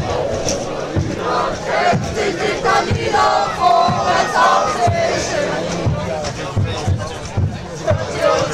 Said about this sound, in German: Singen ja, Fangesänge, hörst du es?